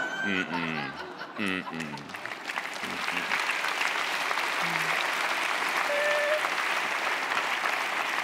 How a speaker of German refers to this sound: Aber, ja, sie klatschen, aber auch das hat wieder Nachteile.